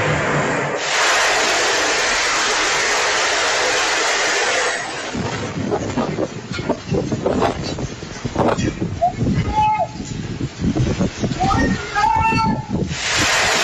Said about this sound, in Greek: Κάμερα ασφαλείας μέσα από ισόγειο κατάστημα καταγράφει καρέ-καρέ τη στιγμή της κατάρρευσης της καλωσιάς. Ένα απότομο βαρύ βουητό ακούγεται καθώς η κατασκευή υποχωρεί και τα μεταλλικά της τμήματα παρασύρονται προς το έδαφος.